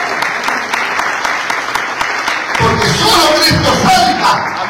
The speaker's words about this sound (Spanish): Las palmas de alabanza y los que aparecen.